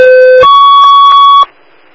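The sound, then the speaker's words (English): A loud two-part dispatch alert tone: a steady low pitch for about half a second, then a higher sustained pitch for a second, cutting off abruptly into faint background hiss, alerting Medic 16 to a vehicle striking a pedestrian in Calgary. “Alarm Medic 16, the car hit deep in that.”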